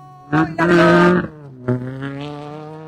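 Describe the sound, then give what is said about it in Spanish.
The engine of a rally car representing Huancayo, starting in 61st place, roars loudly in a couple of hard revving bursts, then drops to a steadier, lower drone as the car pulls away from the start. “Ahí va a partir entonces, 5, 4, 3, 2, 1.”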